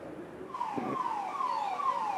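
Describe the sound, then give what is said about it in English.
The siren of a Rapid Action Force anti-riot vehicle blares, its tone sweeping downward in repeated falling wails over a steady rumble of street noise, with no talking, as it follows a convoy of buses on a march from Barakhamba Road to the Supreme Court. “I'm at the tail end of that convoy of buses and the supporters, with the RAF blaring this a siren behind me. This is the anti-riot vehicle of the Rapid Action Force, which has been following the buses.”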